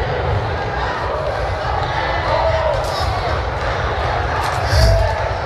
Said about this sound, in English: I knew the claps was gonna slow down on that.